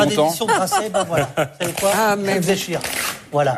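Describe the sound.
Author David Dufresne tears up his paper publishing contract with Grasset live on camera on the French TV channel France 5; the paper rips and crinkles in several quick bursts while people keep talking over the tearing.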